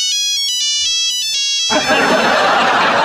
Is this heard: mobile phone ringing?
yes